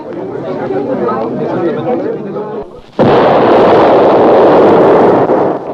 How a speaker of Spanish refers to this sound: ¿Y esa explosión qué fue, hombre? ¡Caramba! ¡Miren cómo salieron volando los frijoles! ¡Es la olla de frijoles que estalló